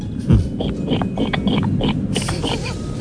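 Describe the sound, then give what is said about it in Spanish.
A person imitates a pig, making a series of rough grunting and snorting noises with no words spoken. “Bueno, pues yo sé imitar a la gallina y al cerdo. Ah, pues empecemos por el cerdo, ¿por qué no?”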